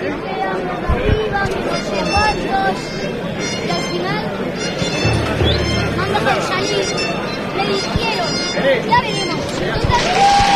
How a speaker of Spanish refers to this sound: Rompiendo ya esos aplausos tras ese silencio del que hablábamos anteriormente, porque se incorpora la bandera al desfile